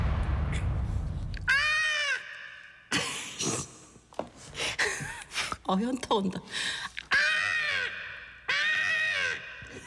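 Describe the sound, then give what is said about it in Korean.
Broadcaster Jung Sun-hee mimics a crow with about three loud, harsh, drawn-out caws, each rising and falling in pitch, interrupted by quick spoken remarks and breathy vocal bursts. “녀석은 예, 까마귀였어요.”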